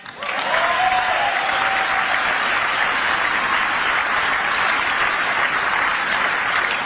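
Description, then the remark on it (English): Steady, loud applause from an audience, a dense wash of many hands clapping that holds at an even level throughout, with a faint whistle or cheer near the start. “Are you going to clap after everything?”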